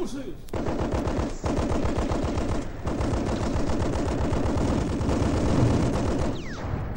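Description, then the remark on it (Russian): Sustained, rapid machine gun fire rattles on for several seconds in dense, evenly spaced bursts, loud, with a brief pause or two between long volleys, as machine gunners give covering fire to advancing infantry. “Пулеметчиков вперед! Пусть прикроет огнем наступающую пехоту.”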